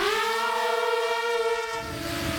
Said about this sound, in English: The first-person view, or FPV drone, is as much a part of the battlefield today as any other weaponry.